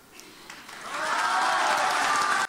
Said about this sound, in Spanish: Palabras que han arrancado el aplauso del auditorio.